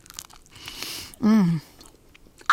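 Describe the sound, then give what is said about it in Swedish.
Crunchy biting and chewing of a crispy, cheesy margherita pizza, with a brief voiced hum of pleasure partway through and another quick crunch at the end. “Du ser så otroligt krispig och ostig ut. Får jag ta en tugga nu?”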